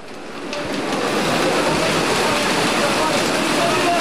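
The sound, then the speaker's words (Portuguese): Heavy rain pours down in a dense, steady roar during an afternoon football match in Serrache de Bom Jardim, swelling in during the first half second and then holding loud and unbroken throughout. “Isto que estão a ouvir é a chuva.”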